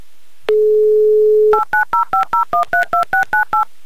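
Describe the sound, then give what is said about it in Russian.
A steady dial tone sounds for about a second, then a quick, even run of eleven touch-tone beeps as a phone number in Nizhny Novgorod is dialed, loud, with no talking. “Так, номер набрали.”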